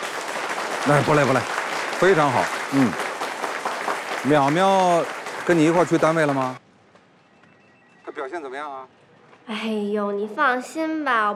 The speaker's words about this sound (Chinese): 来，观众朋友们，我们来录一下那个我们现场的那个反应啊。我们先来录一个鼓掌的，我说三二一，咱们就大声喊，好不好？